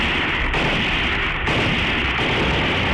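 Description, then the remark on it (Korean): A dense, unbroken roar of rapid machine-gun fire from concealed machine gunners shooting at a descending aircraft, loud and steady for the whole stretch, with only a couple of momentary dips in the clatter and no voices. “비행기가 고도를 낮추자 은폐해 있던 기관총수들이 비행기의 기관총을 갈겼다.”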